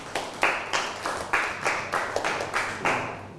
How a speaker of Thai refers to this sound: ปรบมือให้กับเพื่อนหน่อยครับ